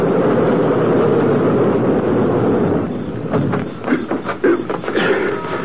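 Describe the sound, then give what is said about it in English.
A car engine rumbles loudly and steadily as the car pulls in behind another car, then the noise drops away, leaving a few soft knocks and shuffling sounds. “Pull in behind her car.”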